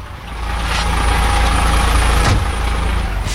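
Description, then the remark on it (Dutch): A steady, low diesel rumble of a transport company's truck engine idling, loud and continuous, with a few brief hissing bursts over the drone. “En die zit hier in de vrachtwagen.”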